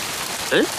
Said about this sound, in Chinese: 浑身湿透，赶紧回家。哎，好好的突然下雨